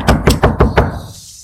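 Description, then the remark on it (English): Five firm, evenly spaced knocks on a wooden door, loud, followed by a quiet lingering silence with no voices. A chief of police knocks at the door of a small group's meeting in Vietnam. “And they set up their little group and they started their meetings, and no sooner did they start their meeting and they heard this.”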